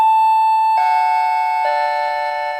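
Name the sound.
doorbell ringing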